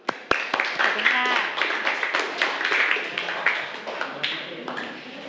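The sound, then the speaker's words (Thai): A classroom full of hands claps in a dense, steady patter for about five seconds, with a few sharper claps standing out and children's voices mixed faintly underneath, as students applaud a group of classmates who answered exponent problems correctly. “ถูกต้องไหมคะถูกต้องนะคะปรบมือให้กับเพื่อนกลุ่มนี้เลยค่ะ”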